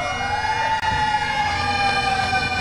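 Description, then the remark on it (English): Fire engine sirens wail steadily outside Fenway Park in Boston as firefighters and other riders set off on a bike ride to New York City honoring those lost on 9/11, their loud overlapping tones sliding slowly in pitch, with a continuous rumble of street noise underneath and no talking. “Serenaded by sirens and bagpipes outside Fenway Park, the riders began a 343-mile journey from Boston to New York City, symbolizing each of the firefighters lost on 9/11.”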